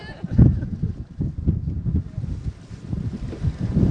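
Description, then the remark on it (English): Gusty wind buffets a microphone outdoors on a boat on windy water with waves, producing loud, uneven low rumbles and thumps that surge and ease throughout, with a faint wash of open water in the background. “I know it got windy here.”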